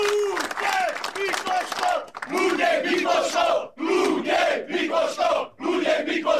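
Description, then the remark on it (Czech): Baník football fans chant together in a loud, unified crowd outside the stadium at Bazaly, paying tribute to goalkeeping legend Luděk Mikloško, their voices rising in rhythmic phrases separated by brief pauses, with a few claps mixed in. “Vzdali mu hold i společným pokřikem.”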